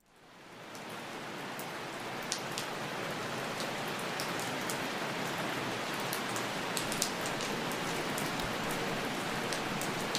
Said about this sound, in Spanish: Y bueno, sigamos entonces con esta atmósfera de susto y de tormenta.